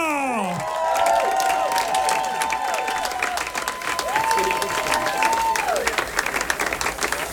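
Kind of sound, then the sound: crowd, audience applause and cheering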